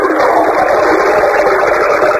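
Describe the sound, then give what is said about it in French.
A voice imitates a toilet flush with a loud, steady rushing hiss that holds evenly for about two seconds without a break, sounding like water gushing through a pipe. “Tu veux la chasse d'eau?”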